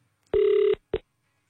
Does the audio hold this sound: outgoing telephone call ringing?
yes